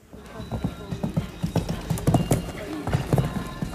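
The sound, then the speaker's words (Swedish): Steady clip-clop of horse hooves striking the ground in a quick, regular rhythm, with faint background voices and outdoor ambience, at the Åland show jumping championships at Himyra gård on Saturday. “De åländska mästerskapen i hästhoppning var under lördagen.”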